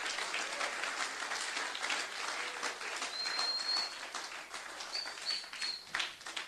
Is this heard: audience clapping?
yes